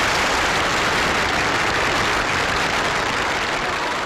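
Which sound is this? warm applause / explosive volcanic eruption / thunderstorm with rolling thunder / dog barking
warm applause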